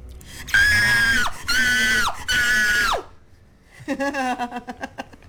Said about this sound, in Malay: Okey. Saya bagi situasi, awak cuba menjerit. Boleh? Okay. Menjerit dalam keadaan ketakutan.